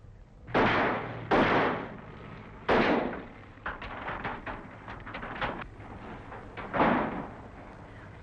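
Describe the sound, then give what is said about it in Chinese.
A lock on a storeroom door is smashed: four loud, heavy blows land at uneven intervals, with a quick run of sharper, lighter knocks between the third and fourth. No voices. “把这锁砸了， 靠后点。”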